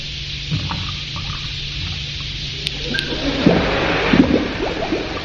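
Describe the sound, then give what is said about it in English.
A few drops of water drip onto a powder, and a steady fizzing hiss builds into busy bubbling and popping, moderately loud, with no voices. “Add a few drops of water, and you have a complete radio show ready to serve.”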